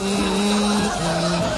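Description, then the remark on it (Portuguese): Steady road traffic noise at about five to one in the morning fills the short stretch, a continuous engine drone with tonal whine shifting in pitch, loud, with no talking over it. “Onde o senhor tá rodando essa hora? Tá um trânsito aí, pastor.”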